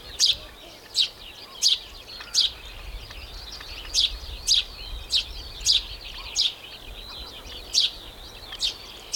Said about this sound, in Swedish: Men väldigt nice och står ute vid fyren, solen skiner, det blåser bara lite grann och man hör både småfåglarna i fyrträdgården, okej, duvor också, lärkan uppe i skyn och så strandfåglarna liksom runt omkring.